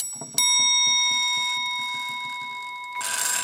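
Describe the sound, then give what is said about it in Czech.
A hammer strikes the bell of an old, no longer working clock made by a Prague clockmaker: a single sharp metallic strike rings out and sustains with a clear, slowly fading tone, while faint mechanical ticking of the movement patters underneath and a brief rustle comes at the end. “Je tady kladívko, tak zkusíme cinknout.”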